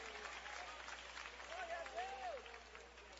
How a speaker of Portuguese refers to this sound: Você pode exaltar ao Senhor bem alegre com as palmas. Exaltar ao Senhor bem alegre, porque Jesus, Ele está aqui.